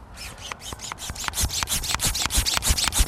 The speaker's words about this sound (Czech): Tak a teď budeme teda pod tlakem sát tu vodu přes ten filtr.